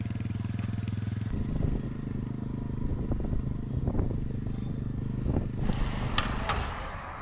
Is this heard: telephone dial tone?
no